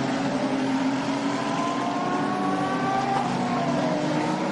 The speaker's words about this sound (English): Looks like the safety car is picking up speed just a little bit. Beautiful surroundings here at the Autodromo field, just coming up through Tulsa, climbing the hill to Acqua Minerale.